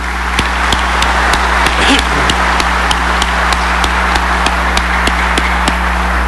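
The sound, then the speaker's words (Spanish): Steady, evenly spaced claps at a brisk rhythm, about three or four per second, continue over a constant low hum and a wash of background noise: warm applause of thanks for the priostas (festival sponsors), asked for by the bishop of the vicariate at a religious celebration attended by hundreds of people. “y este día aquí son cientos, pueden ser miles de personas, y las priostas han tenido que empeñarse en prever todo esto, y yo les agradezco de todo corazón como obispo de este vicariato y pido para ellas un caluroso aplauso de agradecimiento.”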